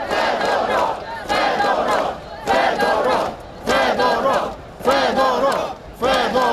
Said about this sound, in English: Crowds of mainly young people who gathered in the capital Kiev for a second night and elsewhere in the country, they were chanting the minister's name.